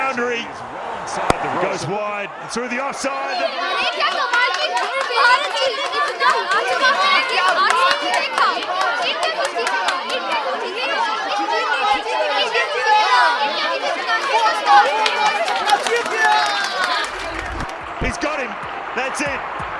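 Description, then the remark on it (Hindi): Dense crowd chatter at a cricket match between India and Bangladesh at Ambedkar Stadium in Delhi, many overlapping voices murmuring and calling out at a steady, fairly loud level, with occasional sharp knocks and thumps cutting through near the start and end. “अनुष्का भीड़ की बातों को ध्यान से सुन रही थी।”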